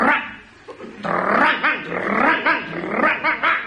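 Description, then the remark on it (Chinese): A man's voice imitates a dog greeting old neighbours, growling and then breaking into a run of loud, rhythmic barks and snarls, forceful, with no other talk. “一看老街坊在这儿，这条狗主动上前打招呼。”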